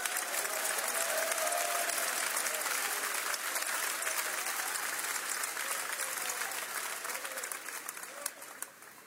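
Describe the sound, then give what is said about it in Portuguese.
An audience applauds the Lord steadily for about nine seconds, a dense wash of many hands clapping that stays loud and thins slightly near the end, with a few voices calling out beneath it. “Podem aplaudir, o Senhor merece.”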